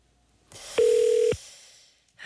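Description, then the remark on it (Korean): A single steady telephone ringback tone sounds for about half a second, clear and fairly loud, framed by faint line hiss before and after, as an outgoing phone call is placed. “자 그럼 첫 번째 전화 걸어보겠습니다.”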